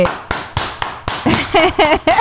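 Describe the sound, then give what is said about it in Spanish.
A few people clap in slow, scattered bursts, sharp individual claps rather than full applause, applauding a man on someone's order, while raised voices join in over the second half. “Pero un chungo dio la orden, que lo aplaudiéramos.”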